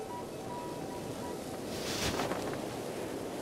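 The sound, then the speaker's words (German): Steady, blustery wind roaring across an open outdoor space near the sea on Menorca, with a broad rushing hiss that swells briefly in the middle. No voices. “Warum brauchen wir das? Weil es so windig ist?”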